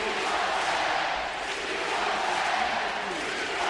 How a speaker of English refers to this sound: The crowd now chanting, "We want 10 again."